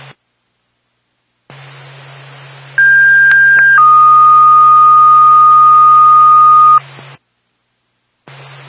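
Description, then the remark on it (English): A fire dispatch paging alert for the Sugar Hill Fire Department comes over a hissy radio channel: a short higher tone, then a long steady lower tone, loud and clear, with static before and after and no talking. The page is for a fire alarm activation at the Sugar Hill Town Garage, 199 South Road. “State Sugar Hill Fire Department, stand by for a tone.”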